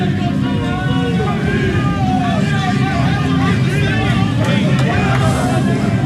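A stadium crowd of fans filtering out: a steady wash of murmur, many overlapping voices chattering at once with no single speaker standing out, over a constant low rumble that holds the same level throughout.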